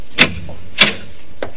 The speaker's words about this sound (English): Careful, the last step. Another door.